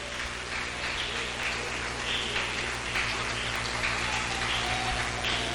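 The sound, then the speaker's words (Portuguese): An audience applauds Jesus during a Christian worship service in a dense, steady wash of many hands clapping together, sustained at an even loudness throughout, with a faint low hum running underneath. “Pode aplaudir o Senhor com as mãos.”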